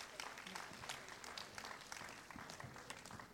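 A crowd claps steadily and enthusiastically as the host of the radio programme Arteriya appears in person, a dense, continuous wash of hand claps with bright sharp spikes throughout. No one speaks over it.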